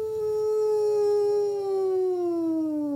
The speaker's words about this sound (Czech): Byl to ten vlk.